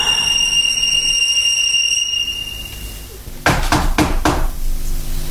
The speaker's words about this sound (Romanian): Bate la ușă? Intră.